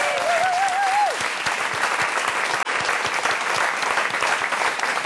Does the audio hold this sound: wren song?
no